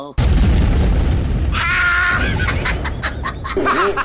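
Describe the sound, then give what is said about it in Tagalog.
A cellphone explodes with a sudden loud boom, leaving a sustained roar of crackling noise, with a high shrieking voice rising over it partway through. “Nabutan og cellphone!”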